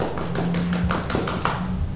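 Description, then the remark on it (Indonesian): A short burst of hand clapping after a colour-guessing game, quick sharp claps in a fairly steady rhythm at moderate loudness, with no one speaking over it. “Tepuk tangan dulu dong untuk kita semua.”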